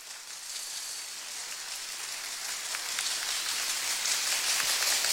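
A crowd applauds steadily, a dense patter of many hands clapping that swells slightly louder toward the end, with no voices over it.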